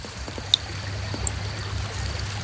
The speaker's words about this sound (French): On est au bord d'une rivière. Est-ce que tu entends l'eau de la rivière?